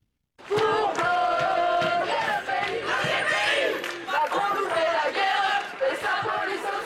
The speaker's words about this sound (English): The sound of protests by students in France. Today, more than 150 schools are shut following several days of demos.